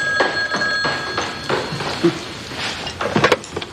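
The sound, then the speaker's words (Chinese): A telephone rings indoors with a bright, steady electronic tone repeating in short bursts, moderately loud, alongside faint clatter and movement in the room. “我接，我去接。”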